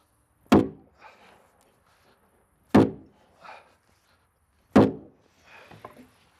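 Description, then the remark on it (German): A wooden beam being knocked into place in a log house under construction: three heavy thuds roughly two seconds apart, each ringing briefly and followed by softer knocks and clatter. The beam is a log girder set centrally on the eighth course as the support for ceiling beams. “Klopf mal rein, gell?”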